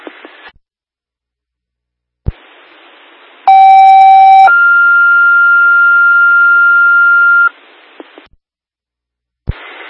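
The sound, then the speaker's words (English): A loud two-part electronic alert tone over a hissy fire dispatch radio channel for an alarm call at 36 Roseleaf Road, Scott Township: a high steady pitch for about a second, then a lower sustained pitch for three seconds, with static bursts before and after. “Take a disregard on your tone.”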